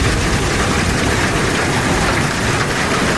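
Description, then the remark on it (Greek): A loud, steady downpour of heavy rain and intense hail in the wider area of Larissa, a dense unbroken hiss and patter of countless impacts, with no voices. “Στην ευρύτερη περιοχή της Λάρισσας, η χαλαζόπτωση σε συνδυασμό με την ισχυρή βροχόπτωση φέρνουν απόγνωση.”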